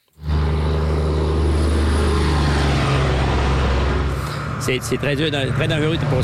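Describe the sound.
A loud, steady roar of fast traffic on four-lane Route 169 between the Capitale Nationale and Saguenay-Lac-Saint-Jean regions, cars exceeding 90 kilometers per hour, with a low engine drone throughout; near the end a man starts talking over the ongoing traffic noise.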